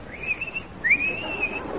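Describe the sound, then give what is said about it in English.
A person whistles two rising, warbling phrases in imitation of a lark's song, clear, with a thin steady tone and slight trills, over faint background noise. “And as we reach the wood, we hear the song of the lark.”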